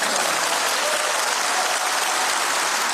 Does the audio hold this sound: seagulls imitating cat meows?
no